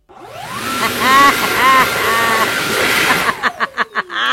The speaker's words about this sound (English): So my sound was flushing the toilets.